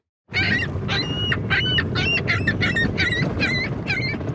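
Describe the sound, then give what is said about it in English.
Seagulls call over and over in loud, harsh squawks, several birds overlapping in a steady stream, over a constant rumble of wind or water, at HTO Park on Toronto's waterfront, where the Seagull Counting Club counts seagulls. “but a new club on Toronto's waterfront has been busy counting a different kind of animal, seagulls.”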